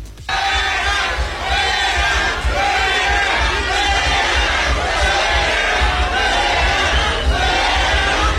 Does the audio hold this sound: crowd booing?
yes